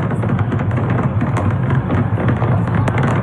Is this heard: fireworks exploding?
yes